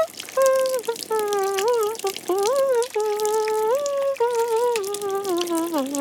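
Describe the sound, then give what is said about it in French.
Shower water runs steadily in a bathroom as someone takes a shower, with a bright, spattering hiss, while a loud wavering tone, like crooning or whining, glides up and down over it nearly the whole time. “Il prend une douche.”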